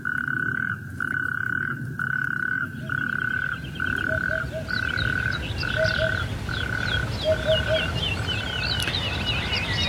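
Natterjack toads call from a nearby wadi well filled by the rainfall of recent days, in a loud, rattling chorus, each long purring trill repeating about once a second with brief gaps. Fainter chirps flicker in the background. No one speaks.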